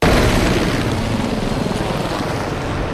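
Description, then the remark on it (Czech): H-1 military helicopters roar loudly and steadily at the base in Náměšť nad Oslavou, welcoming new air force commander Petr Tománek, a dense rushing drone with a faint rhythmic churn low in the sound, continuing unbroken without any voices. “Takto buráceli vrtulníky systému H1, když před 2 týdny vítali na základně v náměšti nad Oslavou nového velitele vzdušních sil Petra Tománka.”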